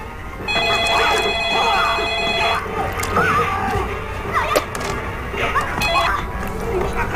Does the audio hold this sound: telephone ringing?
yes